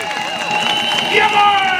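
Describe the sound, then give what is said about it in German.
A loud crowd shouts and cheers together at an outdoor rally celebrating democracy on Willy-Brandt-Platz in Magdeburg under a cloudy sky, a dense wash of many voices with some clapping mixed in, steady throughout and swelling slightly toward the end. “Wenn ihr noch ein bisschen lauter und noch ein bisschen lauter ruft und klatscht, vielleicht reißt dann die Decke auf und es wird sonnig, blau und helle.”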